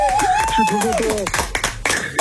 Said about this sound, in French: Bravo. Applaudissements pour lui, c'est gagné.